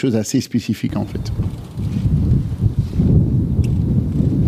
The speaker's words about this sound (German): Der Wind bläst heftig auf dem früheren Formel-1-Rennkurs bei Solda, das gut 45 Kilometer westlich von Maastricht entfernt liegt.